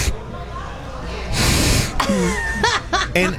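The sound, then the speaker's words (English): A voice imitates the breathing sound of an ice machine in a kitchen, with a long, airy breath, followed by short voiced bursts that sound like gasping chuckles. “For instance, back in the kitchen here at Jenks on the boardwalk, the ice machine was making this breathing sound going...”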